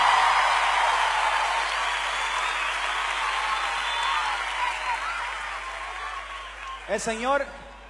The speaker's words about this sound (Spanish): Pues el aplauso para Cristo que se escuche.